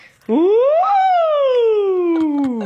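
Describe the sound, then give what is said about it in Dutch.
Voices imitate a siren, a quick rise to a high pitch followed by a long, smooth slide downward. The sustained wail sounds loud, with no other talk. “Dus ik zou zeggen, doe een sirene van hoog naar laag.”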